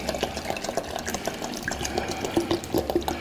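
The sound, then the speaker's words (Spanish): Water pours steadily into a pot, a continuous splashing gurgle with bright bubbly detail, moderately loud, lasting the whole few seconds without any talking. “Bueno, agüita.”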